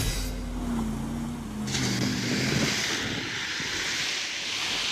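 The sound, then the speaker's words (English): A Jeep engine hums low and steady as the Jeep drives through a lake in the mountains, water surging and splashing loudly around it, the rushing wash growing stronger and continuing after the engine tone fades. “Father Peter couldn't resist taking one last run through the lake.”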